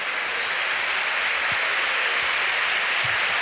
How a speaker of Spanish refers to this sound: Y un nuevo cambio en el Alavés, se va Boye. Sí. Y esta es la ovación de Mendy cuando se va el goleador del Deportivo Alavés.